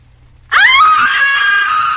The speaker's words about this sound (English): why are you screaming? What's the trouble?